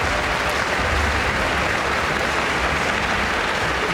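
Steady, dense applause from a crowd fills the whole stretch, a continuous patter of many hands clapping at a fairly loud, even level with no talking.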